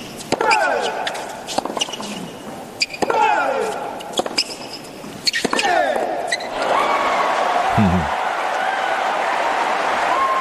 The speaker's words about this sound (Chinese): 观众也是在给迪亚福加油啊，他们对于现场的观众来说，他们希望看到一场争夺更激烈啊更精彩的比赛。